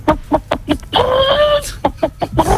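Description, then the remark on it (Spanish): A person imitates a hen cackling while laying an egg: a run of short, clipped clucks, then a long drawn-out squawk, then more quick clucks. The voice is fairly loud. “Sí, sé alguno más, por ejemplo, la gallina. A ver. Cuando está ya deponiendo.”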